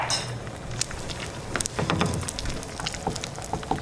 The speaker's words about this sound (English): Rosero heats some butter in a skillet, cracks a few eggs, and starts stirring in the fresh cheese and chunks of plantain.